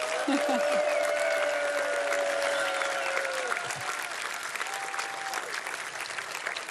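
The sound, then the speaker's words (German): Sustained audience applause for Loi, a dense wash of clapping with a few faint whistles or cheers rising above it, steady and fairly loud throughout. “Und nochmal einen Applaus für Loi.”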